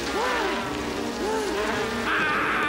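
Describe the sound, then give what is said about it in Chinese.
A dense swarm of bees drones loudly and steadily, the buzzing wavering and swelling in pitch throughout, with a higher whine rising near the end. “师叔，蜜蜂啊！”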